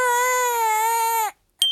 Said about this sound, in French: Toudou se demande pourquoi ce bébé doudou pleure autant.